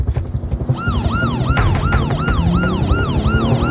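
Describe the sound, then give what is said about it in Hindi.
A loud siren wails in rapid repeating sweeps, rising and falling about every third of a second, over a heavy rumbling engine and road noise, like a police car passing. “ओ police, ओ police, police, गाड़ी नहीं रोकता, गाड़ी नहीं रोकता।”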